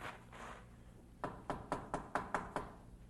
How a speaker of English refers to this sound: He came at last to the door of his old home. He hesitated a moment, then knocked.